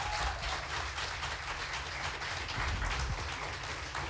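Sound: audience applause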